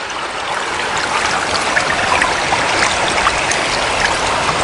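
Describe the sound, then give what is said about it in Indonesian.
Rushing river water flows steadily and loudly, a dense continuous hiss with small splashes and gurgles scattered through it, no voices present. “Wah, air sungai ini deras sekali.”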